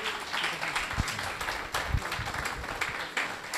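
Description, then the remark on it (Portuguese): An audience at a church service applauds in praise of the Lord, a dense, steady wash of many hands clapping that holds at an even level for a few seconds, with a few sharper individual claps standing out. “Palmas ao nome do Senhor.”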